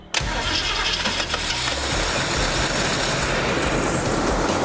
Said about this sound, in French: Je démarre le moteur et là ça tourne comme une horloge, je suis assez content. Pas mal. On a toutefois un petit bémol, le starter électrique n'est pas alimenté donc la voiture reste en starter en permanence.